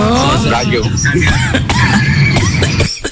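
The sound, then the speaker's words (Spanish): Several short, sharp coughs burst out at uneven intervals over a steady bed of voices and murmur, fairly loud. “No, pensé que diga no, la tos.”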